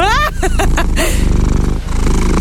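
A cat purrs in a steady, rhythmic low rumble that fills most of the moment, preceded by a few brief voiced, tonal sounds at the start.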